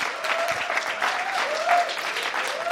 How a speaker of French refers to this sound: On peut d'ailleurs applaudir le groupe